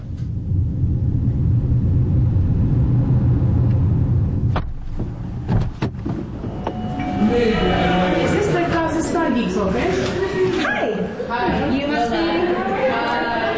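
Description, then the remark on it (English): A steady low rumble of a car driving in heavy traffic to Ramallah in the occupied West Bank, then a few sharp clunks and a busy street scene full of overlapping voices and traffic noise. “It's always a bit of a struggle nowadays with the Israeli checkpoints, with heavy traffic.”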